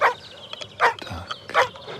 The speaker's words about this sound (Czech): Tak jediné zvuky, které se tady ozývají, psí štěkání a nějaký hmyz tady slyším, kromě těch ptáků.